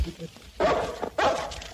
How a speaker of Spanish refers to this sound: Pero alejen estos perros, hombre. De estos perros.